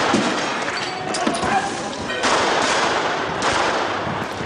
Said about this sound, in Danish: De autonome kaster med brosten mod politiet, og så er det så, politiet skyder for første gang i fredstid mod demonstranter. Mindst 113 pistolskud bliver affyret.